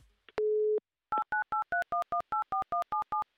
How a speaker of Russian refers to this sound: Номер телефона мы набрали. Что же нам остается ждать? Остается нам подождать только, когда будет соединение.